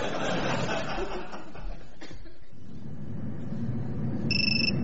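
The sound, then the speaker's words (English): A mobile phone starts ringing near the end, a clear electronic tone cutting in over a murmur of background chatter and light laughter. “your phone.”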